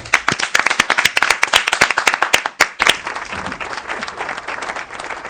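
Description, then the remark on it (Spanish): An audience of the radio show 'Nada es perfecto' on Nacional applauds a doctor guest loudly, with dense rapid clapping that stays strong for about three seconds, then continues as a softer, steady wash of applause to the end. “Este aplauso para usted.”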